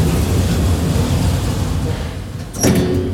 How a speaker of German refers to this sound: Tür schließt.